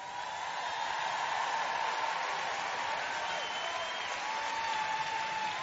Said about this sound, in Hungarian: Gyerünk, tapsoljuk meg Istent!